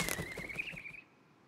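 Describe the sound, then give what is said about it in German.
An owl's quick run of soft, rhythmic wing flaps, with a thin high squeal drawn out over them, all cutting off after about a second into near silence. “Das war nur eine Eule und Olivers Kuscheldecke.”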